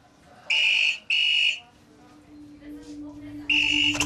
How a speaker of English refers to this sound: On a 24-hour clock, the time is approaching 6:30 in the evening. The A&E red phone.